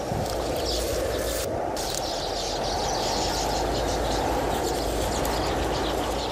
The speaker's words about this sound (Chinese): 风渐渐平静下来，守住爱巢的鸟儿们快乐的鸣叫歌唱。